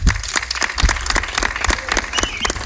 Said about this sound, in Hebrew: לפני הכל, בואו נזמין אל הבמה לדברי ברכה לתושבי העיר ולמאזינים שלנו את סגן ראש העיר, הרב אלדד גדס. יתנו לו כפיים בבקשה.